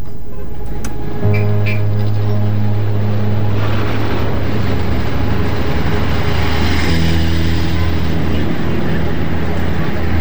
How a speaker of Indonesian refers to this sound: Loh, mengapa banyak sekali truk berisi kayu besar keluar dari desa Nambolon ini? Apa sedang ada pematangan lahan ya? Sejak tadi, rasanya ada 10 truk yang sudah lewat.